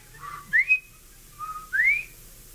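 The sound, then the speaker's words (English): A man, hands cupped to his lips against the wind and rain, whistles a quail call twice, each a short low note followed by a clear upward-sliding whistle, fairly loud with no talking. “he cupped his hands to his lips to protect them from the wind and the rain and whistled a clear, beautiful quail call.”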